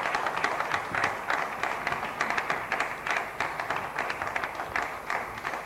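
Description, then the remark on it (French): Sustained applause from an audience for the minister of foreign trade, Julien Paluku Kaongia, a dense patter of many hands clapping steadily for several seconds with no voices over it. “Seul sur ce plateau, nous avons aussi le ministre du commerce extérieur, monsieur Julien Paluku Kaongia, sous vos applaudissements, monsieur le ministre.”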